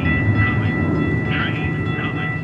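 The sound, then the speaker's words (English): A train on a new section of light rail arrives by a sidewalk in South Phoenix, with cars rushing by, rumbling in with a steady low roar, thin metallic tones ringing above it and brief screeching swells from the wheels, continuous and fairly loud throughout. “Cars are rushing by, and a new section of the light rail is not shy about its arrival.”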